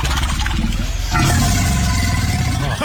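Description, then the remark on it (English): A deep, loud alligator growl rumbles low and unbroken, swelling stronger about a second in and holding a rough, engine-like vibration to the end. No one speaks. “To be fair, that's like a 20-foot alligator.”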